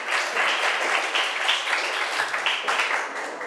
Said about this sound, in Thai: นักเรียนปรบมือให้เพื่อนหน่อยขอบคุณค่ะ